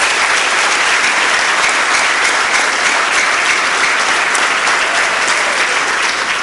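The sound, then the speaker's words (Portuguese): Sustained audience applause for a group of young people, a dense, steady wash of many hands clapping at a loud, even level for several seconds with no voices breaking through. “Graças a estes jovens, a quem eu peço uma grande salva de palmas.”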